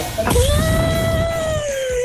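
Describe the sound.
A person vocally imitates an elephant trumpeting, though it comes out like an angry cat's yowl: one loud, sustained wail holding a steady pitch for about two seconds.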